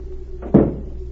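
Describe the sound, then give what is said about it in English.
A single dull knock as a maid taps on the wooden door of a hotel suite in the morning, one low, fairly loud thud that fades quickly, with no voices, over a faint steady background hum. “The next morning, a new maid tapped on the door of Berg's suite.”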